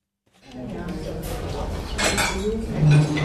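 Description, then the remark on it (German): Dishes and cutlery clatter and clink steadily in a small restaurant kitchen, with scattered bright metallic clinks over a busy murmur of voices and kitchen noise. “Eine Küche, ein paar Tische und Stühle, ein kleines Lokal.”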